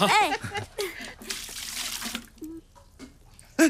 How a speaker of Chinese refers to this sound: 你看你满脸沙子，快洗把脸吧，我给你倒水。